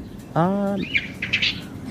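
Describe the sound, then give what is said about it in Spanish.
Small birds chirping in a played-back audio clip: a brief harmonic call followed by a scatter of high, quick tweets, heard at moderate level, with no talking. “Ya, a ver, dice, ya se viene, escucha el audio que es un regalito, a ver. Ah, son los pajaritos.”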